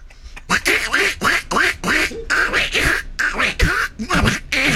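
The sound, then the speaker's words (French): A person's voice imitates a duck, letting out a rapid string of about a dozen raspy, nasal quacks in close succession, loud, with no other talking. “Ça m'a inspiré faire le canard.”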